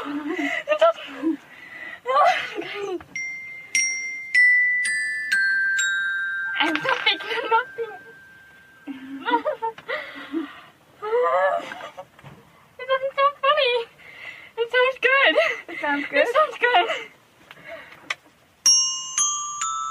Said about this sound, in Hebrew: או זה שבו ילדה בת 13 שומעת את צלילי הקסילופון וכמעט מתעלפת מרוב התרגשות.